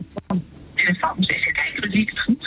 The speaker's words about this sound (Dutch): Oh, ik hoor dat de radio op de achtergrond best wel hard staat. Mag die wat zachter? Want anders dan hoor ik jou niet.